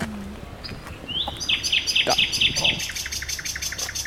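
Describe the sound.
A common nightingale sings from dense bushes by a bridge, a rising whistle followed by quick repeated chirping phrases, clear over faint background hiss. A brief spoken word is heard.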